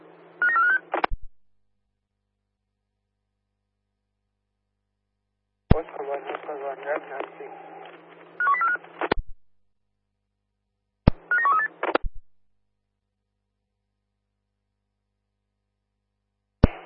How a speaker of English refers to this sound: Could you please give me a phone call? Roger that, Pins. Stand by, dialing now.